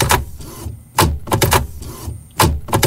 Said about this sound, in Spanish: ¿Tu impresora dejó de funcionar justo cuando más la necesitas?